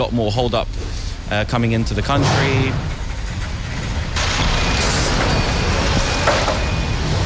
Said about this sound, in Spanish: Que la actividad es incesante en el mercado londinense, con un baile permanente de camiones, furgonetas, carretillas, montacargas.